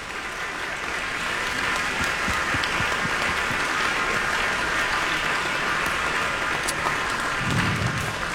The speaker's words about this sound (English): Okay, we want another round of applause for the Canton Symphony Orchestra, who are here with us, conducted by Maestro Stephen Baez.